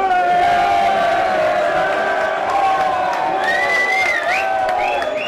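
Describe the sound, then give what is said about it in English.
Hundreds of people in a crowd boo loudly and continuously at people on a TV screen while watching a match, many voices merging into a sustained jeering drone with occasional rising shouts over the top. “Controversially, there was a bit of booing going on, which I'm not sure if that's okay.”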